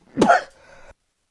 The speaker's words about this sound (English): Boy, I'm sure glad I have my cough button there, because I sneezed big time.